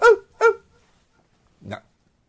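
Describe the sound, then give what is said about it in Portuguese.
A small dog yaps twice in quick succession, then gives one more sharp bark after a short pause; the barks are loud and high-pitched. “Late pra cacete, inferno.”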